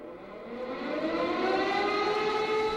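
A loud, continuous siren wail opening a song, rising steadily in pitch, sustained and growing slightly louder over a few seconds, with no voices present.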